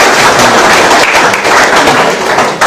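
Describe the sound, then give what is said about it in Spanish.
A crowd applauds loudly and steadily, dense overlapping claps filling the whole stretch without a break, bright, with no voices standing out. “Un aplauso para su colaboración.”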